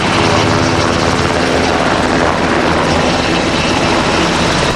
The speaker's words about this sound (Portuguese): A bordo de um helicóptero UH-60 Black Hawk, que fez a viagem desde Monsanto até à base aérea número 6, no Montijo.